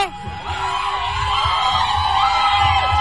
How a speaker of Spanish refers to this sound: queremos escuchar en este momento completamente en vivo el grito de todas las fans y todos los fans de …